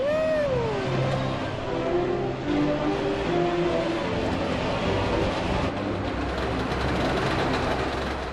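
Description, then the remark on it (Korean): A Trabant car's two-stroke engine runs with a loud, rattly, tractor-like drone, its pitch sliding up and shifting as it revs while the car is driven at about 40 km/h, over steady rumbling road noise with no talking. “Trabi 특유의 트랙터 같은 엔진 소리입니다.”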